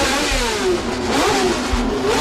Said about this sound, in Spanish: El ruido de los motores era atronador.